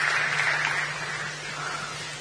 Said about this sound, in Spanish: Acá lo aplauden, ¿eh? Por si no escucha.